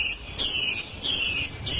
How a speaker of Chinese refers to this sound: 这是山林中采录的画眉鸟的求偶声